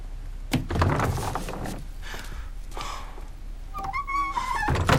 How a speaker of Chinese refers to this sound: 开门